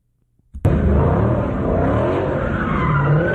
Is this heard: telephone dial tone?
no